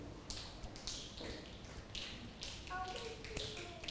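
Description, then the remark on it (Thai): Scattered finger snaps from several children trying it at a teacher's prompt during a lesson on human-made sounds, sharp little clicks popping irregularly and sometimes overlapping, fairly quiet with a faint background murmur and a brief voice. “เมื่อสักครู่นี้คุณครูบอกแล้วใช่ไหมคะว่าเสียงที่มนุษย์สร้างขึ้นก็คือเสียงที่เกิดจากตัวเราเองเป็นผู้กระทำนั่นเองแล้วเด็กลองดีดนิ้ว”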